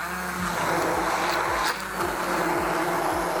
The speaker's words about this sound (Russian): Я сначала слегка его разламываю и смешиваю лопаточкой, а потом только уже блендерю.